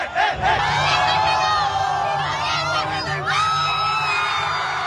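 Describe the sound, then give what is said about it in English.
A loud crowd at an aura battle cheers without pause as participants take turns striking poses, making hand gestures and dance moves, packed with overlapping high-pitched whoops, yells and screams, the roar holding steady for the whole stretch with a few rising shouts near the end. “Whatever he thinks will make the crowd lose it.”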